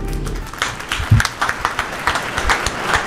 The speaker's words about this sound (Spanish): Yo quiero que le demos un fuerte aplauso al equipo de Aguada.